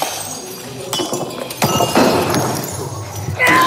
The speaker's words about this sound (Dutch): De Rage Room. Heel simpel. U krijgt 15 minuten de tijd om alles in de kamer af te breken. Borden, vazen, oude computers, gsm's, koffiemachine enzovoort. Ja, alles. Je hoort hier het resultaat.